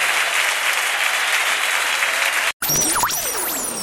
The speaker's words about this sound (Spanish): Aplaudilo fuerte a él.